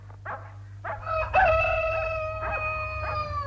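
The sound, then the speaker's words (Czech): A rooster crows at dawn on a spring morning: a couple of short rising calls, then one long, loud, drawn-out cock-a-doodle-doo that holds its pitch and fades slowly, over a steady low hum. “Sad se osvetljava sve veći deo neba nad našim zelenim bregom u prolećnom jutru punom ševa, kukurikanja i zvonjave.”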